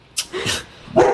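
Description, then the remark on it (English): A dog barks, three sharp, loud barks with short uneven pauses between them, and no one speaking. “Plus, we were under a lot of strain with the dog at that point.”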